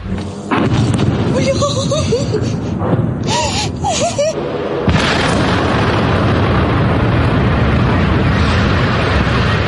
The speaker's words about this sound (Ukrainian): Про серію вибухів повідомляли вночі жителі Ростова-на-Дону. Під атакою опинилися об'єкти залізничної інфраструктури, а також Ростовський морський торговельний порт.